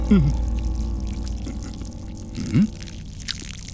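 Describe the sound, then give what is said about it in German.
Water is poured with a steady liquid trickle against a low background hum, with brief rising voice-like sounds at the start and near the end. “Wasser willst du? Hier. Ist das für mich?”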